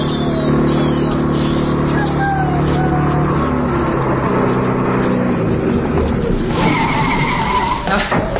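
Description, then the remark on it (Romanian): A taxi pulls up, its engine rumbling and tires briefly squealing as it slows, with faint street background noise around it. “Am găsit în sfârșit un taximetru.”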